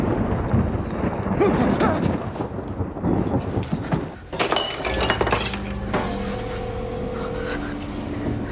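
A loud thunderstorm with rolling, rumbling thunder, sharp electric crackles and bright zapping buzzes, followed by a sustained humming electrical drone near the end.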